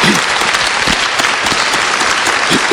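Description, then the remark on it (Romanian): Steady, dense applause from an audience for a violin teacher fills the whole stretch, many hands clapping at once in a loud, continuous wash with no voices over it. “Vă rog să o aplaudați.”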